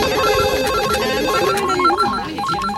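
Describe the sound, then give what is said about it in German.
Several telephones ring at once in a loud, overlapping jumble, their warbling electronic trills repeating steadily and clashing with one another for the whole stretch, with no voices. “Ja, da werden die Telefone wieder heiß laufen.”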